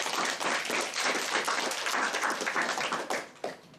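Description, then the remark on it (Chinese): An audience applauds steadily to welcome the Hong Kong culture promoter to the stage, many hands clapping in a dense, even wash that holds for several seconds before thinning out with a last few claps at the end. “好，大家掌声欢迎。”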